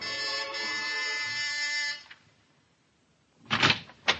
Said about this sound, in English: And you're at the house on Sutton Place, and you've got your finger on the buzzer.